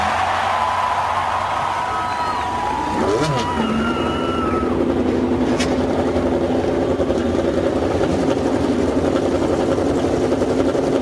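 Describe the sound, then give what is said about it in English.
The 33 race car engines of the 86th Indianapolis 500 at the Indianapolis Motor Speedway fire up and rev on command, their pitch sweeping upward before settling into a loud, steady, layered rumble that carries through to the end. “Lady and gentlemen, start your engines.”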